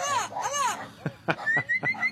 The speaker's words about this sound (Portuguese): Solta o papagaio. Olha o papagaio aí. Olha o boiadeiro.